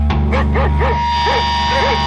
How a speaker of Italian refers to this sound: Che succede? Un cane?